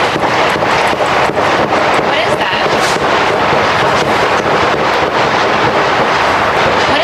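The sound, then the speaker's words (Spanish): A rapid series of sharp cracks like gunshots rings out outside the White House, the official residence of the US president, heard by an NBC television reporter preparing her report for the evening news, against a dense, loud wash of outdoor noise, the bangs repeating almost rhythmically, with muffled voices faintly underneath. “Este es el momento en el que una reportera de la cadena de televisión NBC, que preparaba su crónica para el informativo de la tarde, ha escuchado los disparos.”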